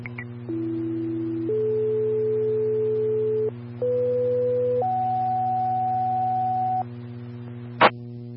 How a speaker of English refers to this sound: Bowen County Division 1, standby for tones.